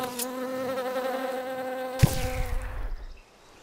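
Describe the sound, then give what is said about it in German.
A steady drone of buzzing bees with a rich, humming tone, briefly interrupted by a soft thud partway through before the buzzing trails off and fades out. “Belegt ist aber, dass Bienenstöcke seit der Antike genutzt wurden, um Feinde zu vertreiben.”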